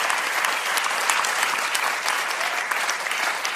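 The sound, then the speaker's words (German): Sustained audience applause welcoming an orchestra on the Schlagerspaß show, a dense, steady wash of many hands clapping at an even loudness throughout, with no voices standing out. “Und das kriegt jetzt einen großen Applaus.”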